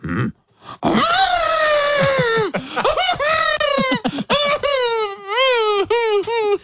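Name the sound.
person imitating an elephant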